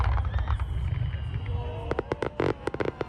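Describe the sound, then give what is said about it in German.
A fireworks pyro show called "Ein Feuerwerk voller Lebensfreude" at a Japan Day festival, by a fireworks master flown in from Japan. A low, rolling rumble gives way to a quick, irregular burst of sharp crackling pops and bangs over the final second or so. “Ein Feuerwerk voller Lebensfreude heißt die Pyro-Show des Feuerwerkmeisters, der wieder extra aus Japan eingeflogen wurde.”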